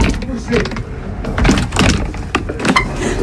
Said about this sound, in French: J'ai réussi. Un peu archaïque cette porte. Enfin, mais il arrive. Elle surprend tellement de gens qu'elle me rassure vis-à-vis de certains voleurs, par exemple. Ah ben déjà, pour vous voler, vous, faut trouver comment marche la porte.